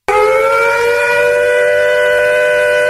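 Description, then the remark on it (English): A civil defense air raid siren wails loudly and continuously, its layered tones starting abruptly and holding a steady, piercing pitch throughout, with no voices present. “What would you have done if you'd heard these sounds?”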